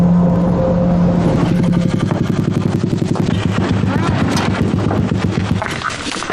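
A loud three-wheeled motorcycle engine chugs steadily with rapid, rattling exhaust pulses and a deep low hum, running continuously with no one speaking, as the motorcycle is ridden before dawn toward the frozen lake surface where fishing nets were laid.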